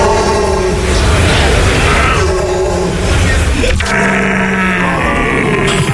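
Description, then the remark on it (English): A person imitates a rutting stag as a contender for Stag of the Year in Germany, letting out loud, drawn-out groaning roars and grunts with a rough, buzzing tone, ending in a steadier low wail. “It's an eclectic mix of groans, grunts and wails, each one designed to be as close to the sound of the animal as possible.”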